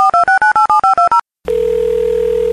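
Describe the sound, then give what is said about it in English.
A quick run of about nine touch-tone dialing beeps, each short and evenly spaced, then a brief silence before a steady, continuous telephone tone takes over. Clear, with no voices. “Shall we see what happens if we actually call that number?”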